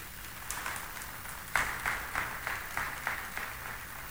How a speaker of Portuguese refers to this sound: E Nossa Senhora merece uma salva de palmas, né, gente?